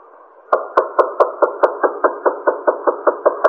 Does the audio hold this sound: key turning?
yes